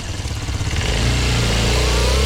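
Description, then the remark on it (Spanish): A motorcycle engine revs up loudly, its low rumble climbing into a steady, sustained roar with no voices over it. “Voy a irme en moto, voy a irme en moto.”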